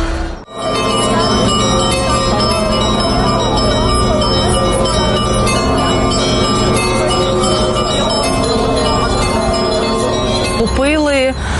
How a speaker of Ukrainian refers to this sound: дзвони Михайлівського.